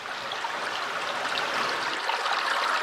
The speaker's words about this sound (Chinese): 看到小马达离开城区，抵达没有受到污染的小溪上游，我们终于安心了。